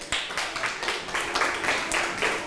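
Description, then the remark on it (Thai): A class of children applauding together for a classmate who answered a maths question correctly, at the teacher's request: a dense, uneven patter of many hands that starts abruptly and carries on steadily at moderate loudness for a couple of seconds, with no talking over it. “ถูกต้องค่ะปรบมือให้เพื่อนหน่อยค่ะ”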